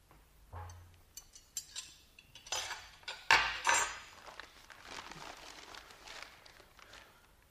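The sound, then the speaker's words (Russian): Knife clinks and scrapes against dishes as a walnut cake is cut into thin slices, with sharp metallic taps and a louder clatter midway, then softer rustling and scraping, no talking. “надо нарезать ореховый торт. Только, ты знаешь, так тоненькими кусочками.”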